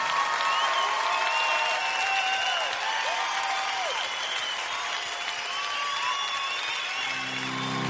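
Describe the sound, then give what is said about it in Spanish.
An audience applauds the Lord loudly and steadily throughout, a dense wash of clapping with scattered cheers and whoops rising above it. “Oh, dale al Señor un aplauso como Él merece.”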